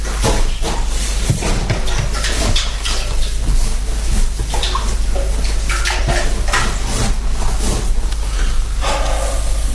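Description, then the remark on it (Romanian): Water splashes and sloshes loudly, as if dumped from buckets, in a steady run of irregular bursts with faint clattering underneath. “Am găsit apă. Nu căldările la bucătărie.”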